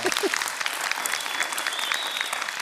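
A crowd claps steadily for a guest, the dense patter of many hands continuing at an even volume for a few seconds, with a brief voice-like sound at the very start.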